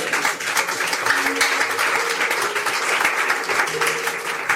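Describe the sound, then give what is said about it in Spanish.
A crowd applauds for the Lord, many hands clapping in a dense, continuous patter that stays loud and even throughout, with no voices standing out. “Y un aplauso al Señor.”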